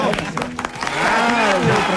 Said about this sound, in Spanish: ¡Bravo! ¡Fuerte ese aplauso! ¡Bravo!